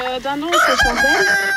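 A chicken clucks briefly, then breaks into a loud rooster crow with a strained, drawn-out rise that fills the rest of the short moment. No one speaks.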